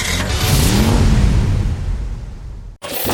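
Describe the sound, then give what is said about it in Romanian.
A car engine revs loudly, its deep roar swelling and holding before cutting off abruptly, followed by a brief burst of different noise. “Cu mașinile Autodan pornești la drum cu încredere și siguranță.”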